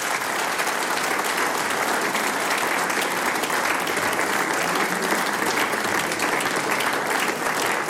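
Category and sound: crowd, audience applause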